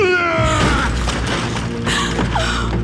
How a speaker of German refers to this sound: Ich breche die Türe auf. Treten Sie zurück!